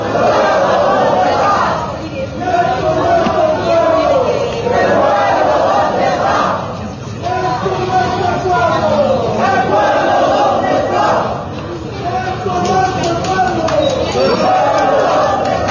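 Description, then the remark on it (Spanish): A large protest march on Calle Camacho, making demands of President Rodrigo Paz, chants in loud, rhythmic bursts, the slogan repeating about every two to three seconds, with a dense roar of many voices filling the gaps between phrases. “Han habido sectores donde los han recibido también con aplausos, con cánticos, apoyando esta movilización que exige del presidente Rodrigo Paz.”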